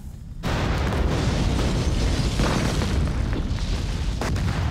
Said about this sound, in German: Ich wollte einmal Bescheid geben, dass wir eine Explosion haben.